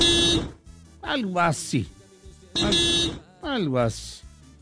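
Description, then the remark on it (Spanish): A city bus (colectivo) horn, a different horn fitted to the bus, sounds twice in a repeating pattern: a steady, buzzy blare followed each time by wavering tones that slide up and down, loud and clear with no talking. “La bocina del colectivo, sí, me saludó esta mañana.”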